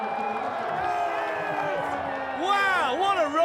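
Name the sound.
crowd cheering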